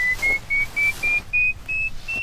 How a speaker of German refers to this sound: dann können wir das direkt ausprobieren und schauen, wie das den Zaun anzeigt, indem es eben ein akustisches Signal abspielt, wenn man sich der virtuellen Grenze nähert.